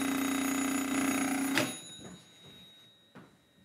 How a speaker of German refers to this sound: So sahen diese alten Schätzchen aus. Das Prinzip war, das Telefon steht zu Hause und wenn ich nicht da bin, dann bin ich logischerweise auch nicht erreichbar. Und das hier nenne ich mal einen Klingelton.